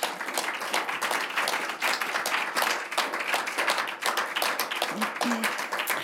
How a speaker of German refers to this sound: Einen herzlichen Applaus bitte.